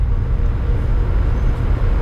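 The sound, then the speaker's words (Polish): A car's front ventilation blower running on second speed, a steady low, rumbling rush of air that holds an even level throughout with no talking. “No wydaje się taki dosyć mocny ten nawiew. Pierwszy bieg. Aha. Drugi bieg z przodu.”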